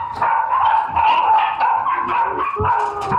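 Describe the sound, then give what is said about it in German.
Several puppies bark and yip continuously in a high-pitched, overlapping chorus, fairly loud, with occasional whimpers mixed in. “Die Tierärztin zieht ein verheerendes Fazit zu Gesundheit und Verhalten der Welpen.”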